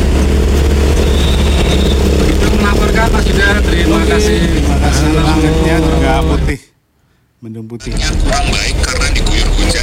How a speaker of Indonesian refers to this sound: Ini keramaian di depan Artos Magelang. Biasa lalu lintas pagi di semua tempat juga ramai.